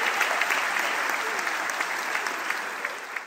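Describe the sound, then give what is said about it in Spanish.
Steady applause from an audience, dense clapping sustained at an even level for a few seconds before easing slightly at the end, with no voices standing out. “Fuerte el aplauso.”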